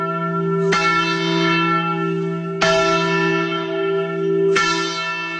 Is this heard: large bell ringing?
yes